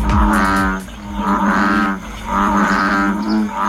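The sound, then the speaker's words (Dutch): An American bullfrog gives three deep, droning, bellowing calls in a row, each about a second long with a rumbling low pitch and short pauses between. No one speaks. “En, oh ja, hij kan ook nog eens heel lelijk brullen.”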